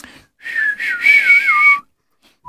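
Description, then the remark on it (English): A person whistles a slow, gliding power ballad melody, the tune rising and bending over about a second and a half before stopping, with no talking. “And from radios all across Europe and the world comes a soaring, gentle power ballad with that unforgettable, haunting whistle.”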